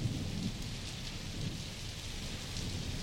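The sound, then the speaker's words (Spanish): Steady rain pours down in a continuous hiss, with low rumbles of thunder rolling underneath throughout, as the background of a song about a storm. No voices, just the dense, even wash of a storm. “Yo sé que la canción no habla de lluvia, pero habla de tormenta. Y más o menos tiene lluvia de fondo.”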